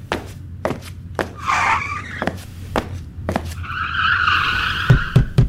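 Grand Prix race car tires skid in two drawn-out, high-pitched screeches, the second longer and louder, over a steady series of sharp, rhythmic clicks and taps. No one speaks.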